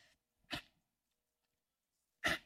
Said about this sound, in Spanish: Perdónenme, no, qué mala onda de mi parte, perdónenme, les pido una disculpa, estornudé, ay, es que me dio la alergia